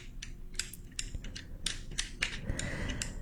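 Quick, sharp wooden clicks of abacus beads being flicked, irregular, with bursts of several clacks in a row and no talking.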